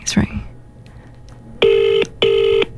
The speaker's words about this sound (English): it's ringing. Please answer. Come on, Dad. Please, come on.